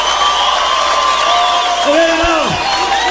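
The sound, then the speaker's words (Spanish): Loud, unbroken applause and cheering from a crowd in Guatemala fills the whole stretch, with sustained shouts riding on top and one voice sliding sharply downward near the end. “pasó con los aplausos, Guatemala?”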